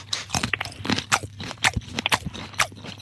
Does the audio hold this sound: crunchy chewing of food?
yes